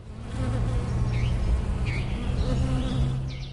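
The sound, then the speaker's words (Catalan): Wild and domestic bees buzz steadily around flowers in an unsprayed field, a continuous low droning hum that wavers slightly in pitch, with faint bird chirps in the background. “Si observem amb deteniment l'estesa floral, en un camp no fumigat, hi trobarem abelles silvestres i domèstiques, erugues i papallones, aranyes i mosques.”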